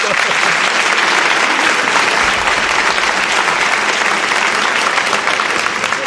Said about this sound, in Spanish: No sé si os he pedido un aplauso para él, os he pedido un aplauso.